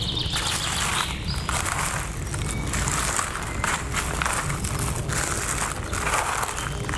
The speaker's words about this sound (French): Je vous propose de découvrir les paysages sonores du Piémont pyrénéen. Ici, en ce début de printemps. Florilège des oiseaux qui gazouillent.